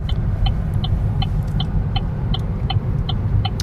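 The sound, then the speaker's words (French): A car drives along small departmental country roads in the hills of Occitanie, in the hinterland of Agen in Lot-et-Garonne, south-west France, with a steady, loud low rumble of engine and tyres, while faint short chirping ticks repeat at a quick, regular pace throughout. “Et on imagine un bien long trajet en voiture.”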